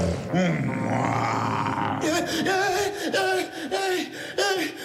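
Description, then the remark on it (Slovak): A person imitates a lion's roar with a long, strained, rising growl, followed by a string of shorter, rhythmic guttural vocal bursts that stay loud throughout. “Ozajstný lev.”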